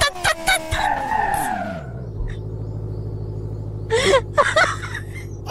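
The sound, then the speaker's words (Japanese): A car engine whines and drops sharply in pitch amid bursts of screeching as the car skids and spins around after the steering can no longer be held, settling into a low rumble before a few more abrupt scraping skids. “あった車が回転した。”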